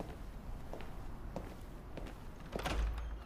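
A few soft footsteps shuffle across a room as Rhaenyra leaves Viserys, then a heavy chamber door swings shut with a deep thud near the end.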